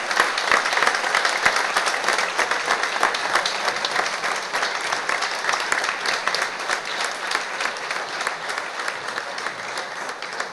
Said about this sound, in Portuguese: e para elas uma grande salva de palmas.